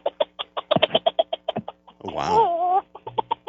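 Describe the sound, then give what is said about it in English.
A voice imitates a bantam rooster calling the hens in: a quick, steady run of clucking notes, a brief drawn-out warbling cry in the middle, then more rapid clucks, clear. “It starts out when he's calling the hens in.”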